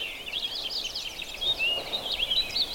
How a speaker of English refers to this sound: That's a purple finch. You may see those a lot at your feeder, but they also nest in these woods out here, so they're not that uncommon, but they're singing almost continuously. Often they sing just in phrases. I mean, these birds are excited.